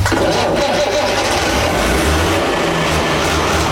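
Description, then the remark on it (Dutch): A large six-cylinder, 100 hp Fiat vintage diesel tractor engine cranks and catches, then settles into a loud, steady, throbbing rumble, running continuously with no voices. “Oh, die zescilinder, daar ben ik echt wel blij mee. Ja, dat is gewoon een tractor van 100 pk.”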